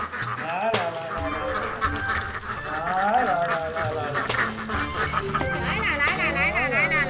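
The ducks' owner, a man, calls out repeatedly in drawn-out, sing-song cries to his flock of ducks at their lunchtime, and the ducks come toward his calls, with a busy chorus of quacking around him and outdoor farmyard noise throughout.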